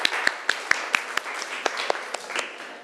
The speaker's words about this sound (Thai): กลุ่มที่ห้านะคะอ่ะปรบมือให้กลุ่มที่ห้าหน่อยค่ะ